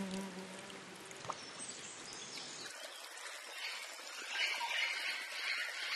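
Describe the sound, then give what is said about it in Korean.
Rainwater drips and patters softly from leaves in a quiet tropical rainforest as the rain eases, with a steady insect buzz in the background and one sharper drop standing out early on. “조금씩 비가 잦아들고 나뭇잎에 맺힌 물방울이 아래로 떨어집니다.”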